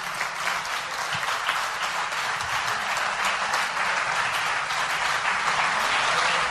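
Steady, dense applause from an audience welcoming a guest who has just been introduced, many hands clapping together in a continuous crackling wash that holds at an even, fairly loud level throughout, with no voices over it.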